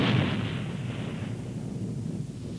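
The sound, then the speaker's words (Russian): A loud clap of thunder in a thunderstorm bursts at the start as rain begins, then fades into a steady low rolling rumble that carries on to the end, with no voices. “Ой, дождик пошел.”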